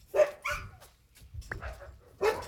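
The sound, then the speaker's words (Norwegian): A Norwegian ultrarunner's sled dogs, always ready to go out and thinking they will get food, bark and yelp excitedly in a quick, uneven series of loud bursts, some overlapping, with no one speaking. “sine hunder alltid klar for å dra ut på tur”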